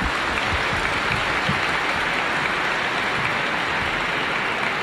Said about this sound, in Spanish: Agradecemos a nuestros hermanos y le damos un fuerte aplauso a ellos, por favor.